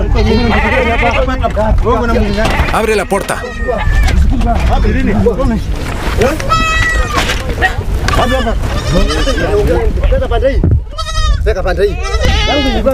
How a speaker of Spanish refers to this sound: Llévanos hasta el ganado. Abre el corral. Tienes demasiadas cabras.